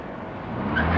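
A car engine runs steadily, a low continuous rumble that swells slightly louder toward the end, with no voices over it.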